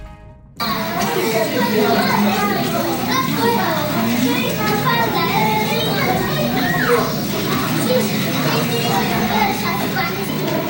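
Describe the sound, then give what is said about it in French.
A dense, lively crowd of children playing and chattering at once, steady and fairly loud throughout after a brief silent start, with overlapping shouts and voices like a busy schoolyard. “Et oui, ambiance de nos chères têtes blondes, de nos chers bambins, puisque pour certains élèves, donc c'est le retour en classe cette semaine.”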